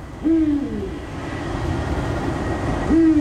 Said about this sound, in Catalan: T'imagines que quin animal diries que és? Un mussolet, no? Un mussol? De la família dels rapinyaires nocturns. És un duc, és l'au nocturna més gran que tenim a Catalunya.